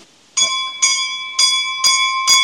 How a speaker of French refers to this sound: Voilà, la petite cloche.